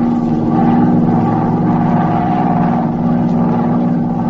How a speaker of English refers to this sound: An hour later, her plane circled the city of Osborne at a high altitude.